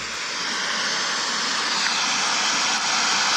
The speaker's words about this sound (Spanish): Eso que se escucha ahí es el desborde del río. Bueno, eso es lo que está ocurriendo entre Santa Juana, Tanahuillín y el Balseadero Laja.